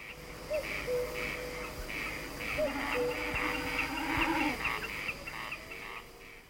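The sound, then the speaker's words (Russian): A common cuckoo calls its two-note cuckoo call a couple of times over a steady background chorus of birds or insects in the night air, during the season of light nights when it calls all night long. “А кукушка в эту пору светлых ночей кукует всю ночь напролет.”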